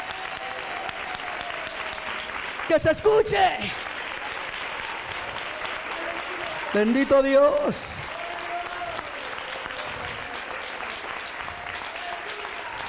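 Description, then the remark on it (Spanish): Sustained applause for God from a large church audience, steady and dense, while a man shouts two brief exclamations over it through an amplified, echoing sound system. “Bien fuerte ese aplauso, a ver todos, todos los que creen a la palabra, denle ese aplauso.”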